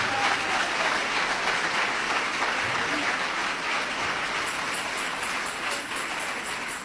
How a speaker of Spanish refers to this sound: Dele ese aplauso de alabanza y de victoria al Señor.